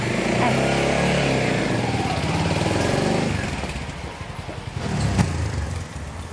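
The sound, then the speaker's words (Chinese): A motorcycle engine runs with a steady, droning hum, then settles into a low, chugging idle with a brief rev near the end; faint voices may sit beneath it. “啊，你那鸽子啊，比我厉害，他们能飞，你让他们带着你们飞过去啊，我这摩托车不够。”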